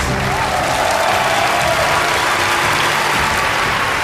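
Loud, steady applause from an audience welcoming the deputy director of the Anhui Museum, a dense crackle of many hands clapping that holds for about four seconds without letting up, with a faint murmur of crowd underneath.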